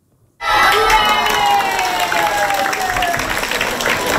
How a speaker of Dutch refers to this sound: En burgemeester Hein van der Loo die kwam het boek voorlezen op basisschool De Taaltoon. En hij werd daar met luid applaus ontvangen. Luister maar.